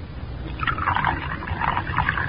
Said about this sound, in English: Take the bottle out of your pocket, Ella. That's it. Now unscrew the top. That's it. Now pour it into the cocoa.